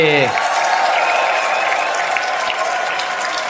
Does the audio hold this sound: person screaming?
no